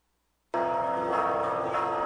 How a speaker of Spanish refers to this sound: Así se escuchó en punto de las 3 de la tarde del sábado pasado el repique de las campanas de la parroquia de Santa Prisca y San Sebastián en Taxco por los desaparecidos en México y como un llamado para construir la paz.